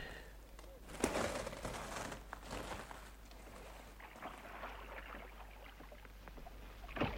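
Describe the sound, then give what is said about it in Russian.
Oars dip and splash as a small boat is rowed across a lake for fishing, with a few distinct strokes at uneven intervals, over a soft wash of lapping water. “Если с лодки, прошу со мной.”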